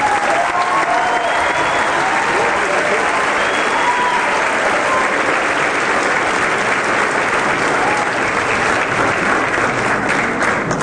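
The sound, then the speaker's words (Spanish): Sustained, loud audience applause in Bolivia welcoming a guest speaker fills the whole stretch, a dense steady wash of many hands clapping with no pauses and no voices standing out. “Yo quisiera que lo recibamos con un fuerte aplauso.”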